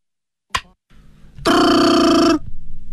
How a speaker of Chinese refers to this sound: 电话铃声闯入了张用秀的思绪